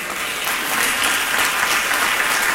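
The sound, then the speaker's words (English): A crowd claps together in a steady, dense wash of applause, loud, with many overlapping hand claps filling the whole stretch. “If the word helped you today, clap your hand.”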